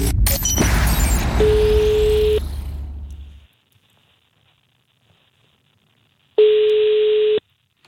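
A telephone ringback tone of a call to Veikkaus Arena to make a reservation sounds twice, each a steady one-second hum separated by a long silent gap, after a burst of crackly line noise at the start.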